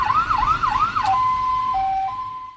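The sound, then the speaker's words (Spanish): A private ambulance's siren wails with a rapid rising-and-falling yelp, then switches to a steady two-tone hi-lo pattern, loud with a low rumble of traffic beneath. “Ambulancias Particulares Alphamedic.”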